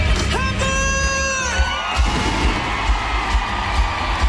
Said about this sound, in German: Für ein Jubel. 45.000 Fans sind da gewesen.